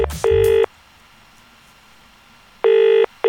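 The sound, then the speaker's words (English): A telephone ringback tone sounds on an outgoing call to a father making breakfast with his 10-month-old son, steady electronic double rings, each pair of short tones followed by a pause, repeating with nobody picking up. No talking is heard. “I'm sure you are near your phone and it's very easy for a dad to a 10-month-old to pick up the phone.”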